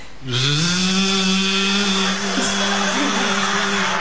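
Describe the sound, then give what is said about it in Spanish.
A power saw kicks in and runs continuously, a loud, harsh buzzing drone with a steady whining pitch that dips briefly partway through before holding steady again. “Mira, aquello no cierra, una sierra de las de siempre, joder.”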